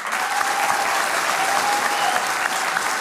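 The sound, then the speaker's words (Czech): Steady, dense applause from a sizable audience in support of the radio broadcaster fills the whole stretch, many hands clapping at once in a continuous, fairly loud wash with no voices standing out. “Děkujeme za tu podporu a tím mám na mysli nejenom tenhle potlesk, ale vůbec vaší podporu, kterou my v rozhlase cítíme.”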